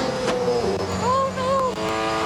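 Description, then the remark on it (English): A Bathurst 1000 race car engine, heard with an American riding in the passenger seat, roars loudly, its pitch climbing and dropping in quick sweeps as it revs through gear changes at speed, with a steady harsh rumble throughout. “And pretty much what they did was they took an American, they popped him in the passenger seat of one of these Bathurst cars, and I mean, just take a listen.”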